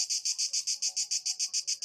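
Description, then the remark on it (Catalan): A cicada's intense, high-pitched buzzing song throbs in rapid, regular pulses, about six per second, loud, with no other sounds around it, sung in hot weather. “Hem de dir que jo duc dies mirant, bé, escoltant cigales, tots, perquè amb aquesta calorada sí.”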